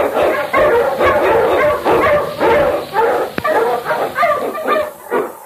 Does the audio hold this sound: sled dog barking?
yes